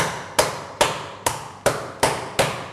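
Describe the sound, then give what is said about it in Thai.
Six evenly spaced thuds of a meat mallet pounding meat flat to make it tender and quicker to cook, each a sharp impact with a short decay, steady rhythm, no talking. “เดี๋ยวจะใช้ค้อนทุบเนื้อนะครับซึ่งเราก็ทุบได้ตามปกติ”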